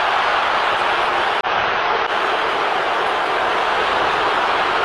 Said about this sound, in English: Crowd roaring because they thought horse collar tackle on the play.